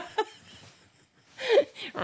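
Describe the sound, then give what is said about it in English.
A voice imitating a leopard growl: a short vocal burst, a pause, then a louder, wavering voiced growl followed by breathy, laugh-like vocal sounds. “If that was a leopard, they'd want their money back.”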